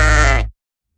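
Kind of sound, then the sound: animal, sheep bleating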